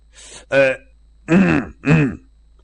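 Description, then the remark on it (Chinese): A man clears his throat in three short, voiced bursts, a deliberate dry 'ahem' performed aloud, preceded by a faint breathy rasp, with brief pauses between each. “这黄志高干咳嗽一声”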